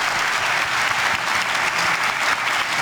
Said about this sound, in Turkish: Başkan Recep Tayyip Erdoğan NATO Liderler Zirvesi sonrası düzenlediği basın toplantısında gazetecilerin sorularına verdiği esprili yanıtlarla salonda uzun süre alkışlandı.